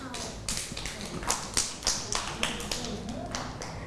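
A short round of hand clapping for a young child, a dozen or so sharp, slightly uneven claps at a moderate level, with some low background murmur underneath.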